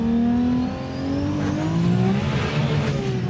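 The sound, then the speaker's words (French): A Supra car engine with over 1600 horsepower revs loudly and steadily, its pitch climbing in smooth sweeps with a rich harmonic roar and no voices over it. “Bref, malgré les plus de 1600 chevaux, on peut rouler confortablement sans l'effet on-off.”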